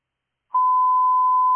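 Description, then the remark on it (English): A dispatch radio test tone sent to Station 17: after a brief moment of silence, a single loud, steady electronic pitch switches on and holds unbroken to the end, with no voices. “Can you please send test tones to Station 17?”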